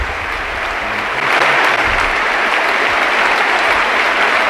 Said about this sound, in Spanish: Dani Parejo, que se marcha con ese gol y con esta gran ovación. Se van él y también Alfonso Pedraza. Abrazados uno a uno por todos los compañeros del Villarreal. Se para el partido. Ahí está el homenaje de la cerámica.